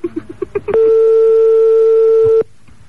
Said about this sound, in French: Comment amuser vos amis? Un petit bruitage suffit et l'ambiance monte. Ah là là là là là là. La bruitage sonnerie moderne.